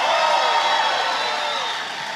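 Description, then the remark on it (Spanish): An audience erupts in a loud, sustained shout of glory, shouting and cheering with many voices overlapping into a dense roar that stays steady for a couple of seconds before easing slightly. “¿Alguien está supuesto a dar un grito de gloria aquí?”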